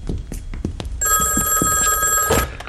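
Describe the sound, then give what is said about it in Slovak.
A telephone bell rings with a steady, bright metallic trill that starts abruptly partway through, following a few soft knocks and thuds, and continues loudly to the end. “Idem, to bude Leo. Mal volať ako s tým rajcom.”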